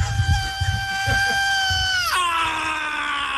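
A piercing, sustained high-pitched scream opens a live metal recording, holding steady for about two seconds before sliding sharply down in pitch, over a rumbling low-end backdrop.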